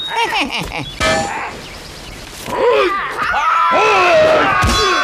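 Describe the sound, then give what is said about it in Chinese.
Three sharp, ringing blade chops land on the Monkey King's hard head, spaced a second or two apart, while voices grunt and groan between the loud clanging impacts. “老孙就站在这儿，让你砍上三刀。”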